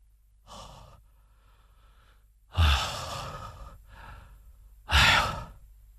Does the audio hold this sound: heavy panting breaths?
yes